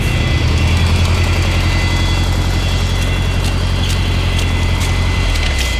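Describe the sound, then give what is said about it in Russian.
A steady, loud engine drone fills the whole stretch, a continuous low rumble with a constant hum and faint clicks, like riding inside a moving car, driving through thick fog. “У трапа нас встречает машина.”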